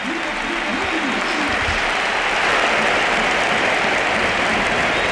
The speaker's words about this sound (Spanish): Y la gente de pie, el Pizjuán de pie, aplaudiendo a Modric. Gesto precioso, coreando.